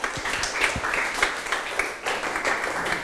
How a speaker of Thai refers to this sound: ถูกต้องปรบมือเพื่อนหน่อยครับ